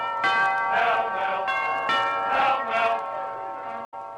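A bell rings with repeated bright, sustained strokes, several overlapping tones chiming in a steady rhythm, loud, ending abruptly just before four seconds, in a radio advertisement for Pall Mall cigarettes.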